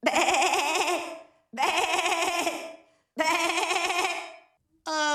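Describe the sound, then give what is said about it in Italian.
A voice imitates a goat's bleat as a morning wake-up alarm, letting out three long, wavering, quavering cries with short pauses between them, then starting a fourth. The bleats are loud and nasal, with no other talking. “Bello questo belato”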